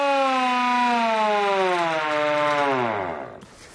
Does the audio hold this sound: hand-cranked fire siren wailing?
yes